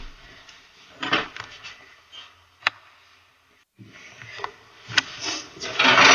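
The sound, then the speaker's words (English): Drawers, one set a Christmas present, slide open and shut with scraping rumbles and a couple of sharp wooden knocks, a short quiet pause, then more sliding and clattering. “Yes, there's some drawers. That's my Christmas present. Some more drawers.”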